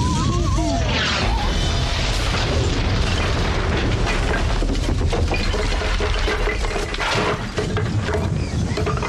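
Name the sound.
cannon firing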